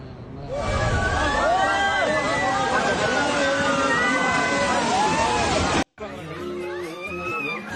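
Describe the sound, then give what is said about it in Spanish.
A loud, continuous roar of earth and rock as part of a mountain breaks away in a landslide and crashes into the rushing Kaligandaki River in Nepal, with excited voices shouting over it; after an abrupt cut, the churning water and voices continue. “Las imágenes captaron el momento en que parte de una montaña se desprendió en segundos y se precipitó sobre el río Kaligandaki.”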